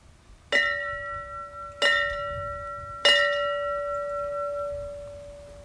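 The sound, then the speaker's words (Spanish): A fire department bell rings three times at a slow, even pace in a morning memorial ceremony for fallen firefighters, each clear metallic strike lingering and overlapping the next, with no voices present. “De ahí que esta mañana se haya querido tener un especial gesto de cariño, haciendo sonar la campana que les llama al deber y que indica que han vuelto a casa.”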